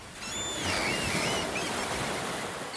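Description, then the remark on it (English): Steady roar of ocean surf washing in on the island of Juist, a broad hissing wash that swells slightly and holds throughout, with thin high whistling calls drifting over it briefly. “So klingt es auf Jüst.”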